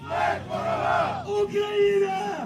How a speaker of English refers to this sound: You can see drone races, air horns, soldiers crowded around screens, cheering each other on. It feels more like a gaming convention than it does a military event.